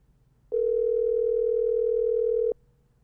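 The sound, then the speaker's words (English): A single steady telephone ringing tone holds for about two seconds, fairly loud and clear over a faint low background hum, with no one speaking. “It's a calling now. It's ringing now.”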